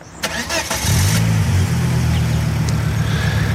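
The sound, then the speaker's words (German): A silver 1990s Volvo car engine cranks briefly, catches and roars to life, then runs loud with a steady, deep rumble that swells slightly as it revs. “Der Motor ist von einem silbrigen Volvo aus den 90er Jahren.”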